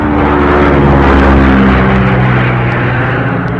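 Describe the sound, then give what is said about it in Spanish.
A light propeller plane banks into a turn to continue on its set route, a loud, steady propeller-engine drone filling the space from start to finish, its low harmonic hum holding constant with no voices over it. “La avioneta hizo un giro para continuar en la ruta señalada.”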